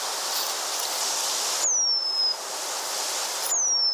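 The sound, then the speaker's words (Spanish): A Eurasian penduline tit gives two thin, high, drawn-out descending whistles about two seconds apart, clear but not loud, over a steady hissing background. “Hace tiempo que este canto, el del pájaro moscón, se apagó en la localidad vallisoletana de Nava del Rey.”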